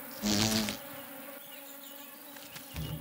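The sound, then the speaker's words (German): Wild bees collecting nectar and pollen on the embankments of a sunken lane by a loess wall in Germany buzz with a steady droning hum, swelling loudly as one passes at the start and again briefly at the end, with no voices. “Erst im nächsten Frühjahr werden junge Bienen aus der Lösswand schlüpfen.”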